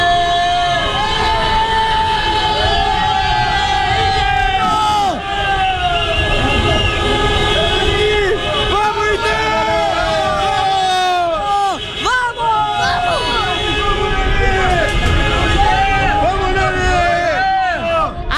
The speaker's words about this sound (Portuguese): agora o torcedor tava aqui no estacionamento e eu quero ouvir mais uma vez a buzina pro gol do Inter, pra essa vitória que vai iniciar a nossa recuperação.